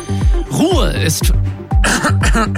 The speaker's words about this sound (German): Kurzer Räusperer.